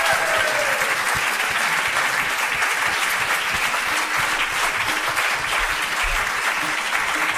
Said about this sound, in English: And I'm sure you will all agree that's just been an extraordinary hour of music. So put your hands together once more